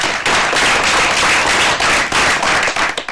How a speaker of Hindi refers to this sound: तो बजा दीजिए इन नन्हे नन्हे हुनरमंद कलाकारों के लिए तालियां।